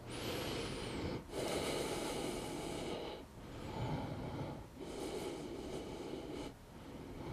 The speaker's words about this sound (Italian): Una volta che ho finito le 10 ripetizioni, rilasso agganciando prima un ginocchio e poi l'altro. E sono fermo per 10 respirazioni, mi ascolto.